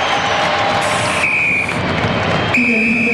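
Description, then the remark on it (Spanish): Referee Rodrigo Carvajal's final whistle ending a Copa Chile match between Católica and Copiapó: two long, steady, high-pitched blasts over a constant loud roar from a crowd of about 10,000, the second blast sounding harsher and fuller. “Ahí está el pitazo de Rodrigo Carvajal. ¡Pitazo final!”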